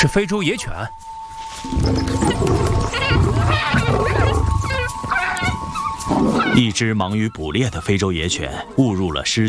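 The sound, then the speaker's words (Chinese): A pack of African wild dogs, preparing to hunt impala and spreading out to surround them, yip and whine in quick, high-pitched bursts at the start and in a busy cluster near the end, with a noisy, rumbling stretch between and a voice talking over it. “不远处，一群非洲野犬也在准备狩猎，他们盯上了狮群埋伏区外的一群高脚羚。”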